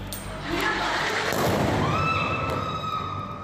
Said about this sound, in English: Explosions in Iran. The U.S. military launches another round of attacks against the country for the 13th straight night.